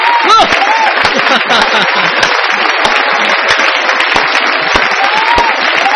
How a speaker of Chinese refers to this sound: 为梦想，还有所有特地跑过来给我点个关注的人，送上10秒钟的掌声。